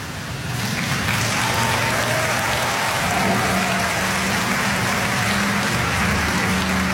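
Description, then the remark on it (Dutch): A crowd applauds steadily for several seconds as a woman and a dancer drive away together in her car after a dance on a dance floor, a dense, even wash of clapping that holds at the same loud level throughout with no voices standing out. “Ze rijden samen onder applaus weg.”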